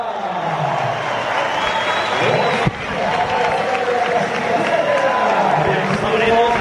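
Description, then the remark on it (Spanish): A large crowd applauds and cheers steadily for several seconds in an ovation for cyclist Enric Mas as he comes out onto the podium, a dense wash of noise that stays loud throughout, with an amplified voice speaking over it. “Pues ovación para Enric Mas, que va a salir al podio, repito, es como para no estar feliz de la vida.”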